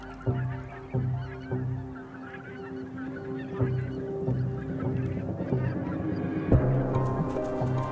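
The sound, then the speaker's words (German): A flock of white-fronted geese resting on flooded meadows honks repeatedly, harsh nasal calls overlapping in a steady, busy chorus, loud, with no voices present. “Sich an die Gänse anzuschleichen, ohne gesehen zu werden, ist so gut wie unmöglich.”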